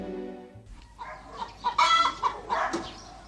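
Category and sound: bird, chicken clucking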